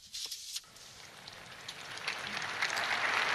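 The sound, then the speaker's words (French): Applause from a large crowd as the Pope finishes his catechesis, starting scattered and swelling into a steady, dense patter of many hands clapping. “Et le pape a terminé sa catéchèse sous les applaudissements.”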